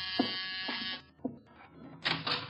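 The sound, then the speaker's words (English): A harsh, buzzing door buzzer sounds in two long presses, the first lasting about a second, then a brief pause, with a shorter second buzz, loud and grating with no voices. “The door, Archie. Yes, sir. I hear it.”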